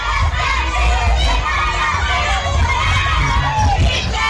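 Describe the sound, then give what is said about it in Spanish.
A baseball crowd cheers steadily, a dense, loud wash of many overlapping voices shouting and calling out together, with a low rumble underneath and no letup across the few seconds. “Las porras encendidas, disfrutando.”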